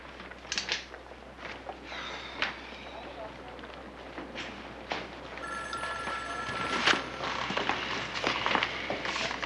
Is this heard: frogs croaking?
no